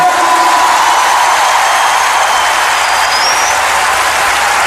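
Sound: audience applause and cheering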